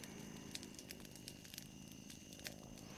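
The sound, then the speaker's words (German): A fire at home crackles steadily, with scattered sharp pops and snaps over a low, continuous rumble. Fairly quiet, with no voices. “Ja, wie gesagt, es ist schön, wieder zu Hause zu sein. Und am Feuer zu sitzen.”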